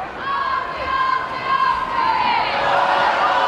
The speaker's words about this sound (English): You hear the Troy crowd. Ozzie, Ozzie, Ozzie. Oi, oi, oi.